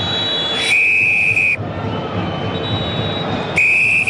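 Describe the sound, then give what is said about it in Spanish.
Referee Carvajal's whistle sounds two long, shrill blasts, nearly a second each and separated by a pause, over a steady roar of stadium crowd noise, ending the first half of a Copa Chile match involving Universidad Católica at the Claro Arena; the second blast runs to the end. “Pitazo final, suena el silbato de Carvajal.”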